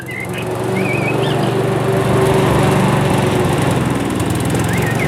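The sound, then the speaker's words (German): A lawn mower engine drones steadily and loudly throughout in spring, with a constant low rumble and whine, while faint birdsong chirps intermittently in the background. “Die ersten Rasenmäher sind aus dem Süden zurückgekehrt.”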